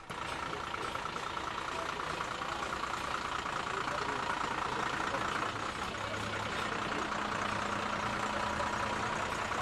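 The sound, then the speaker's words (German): The engine of a parade float carrying a theatre group from Niederlauterstein idles steadily throughout, a continuous low rumble blended with dense outdoor background noise and no clear pauses. “Der nächste Wagen mit Theatergruppe aus Niederlauterstein.”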